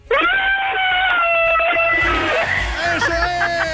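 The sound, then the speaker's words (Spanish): A child caller on a radio show's phone line imitates a she-wolf's howl: one long, loud, high-pitched sustained cry that wavers slightly and drops lower toward the end, over faint background chatter. “A ver cómo es ese aullido de la loba,”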